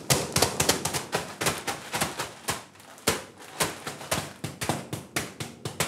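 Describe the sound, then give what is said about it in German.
Rapid, irregular tapping on the top of a mushroom growing block, slightly damaging its firm, slightly hollow surface: dozens of quick dull knocks in bursts, with a brief pause near the middle, no voices. “Wir einmal oben ein bisschen klopfen und die Oberfläche ein bisschen beschädigen.”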